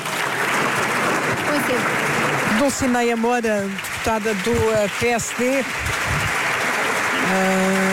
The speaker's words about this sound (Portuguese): a receber os aplausos da bancada, claro.